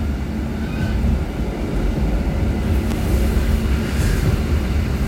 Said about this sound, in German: ist ein bisschen ältere Zugmodell, rüttelt noch ein bisschen. Wir fahren jetzt aus.